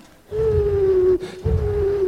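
An eagle owl's hoot: a low, steady, drawn-out call lasting nearly a second, then a short pause and a second sustained hoot at the same pitch, over a faint rumbling background.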